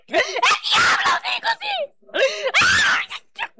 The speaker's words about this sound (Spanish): Oye, Satanás, ¿qué te está pasando? ¿Por qué gritas? ¿Por qué gritas?